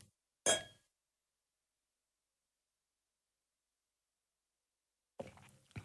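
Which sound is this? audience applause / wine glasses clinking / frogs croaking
wine glasses clinking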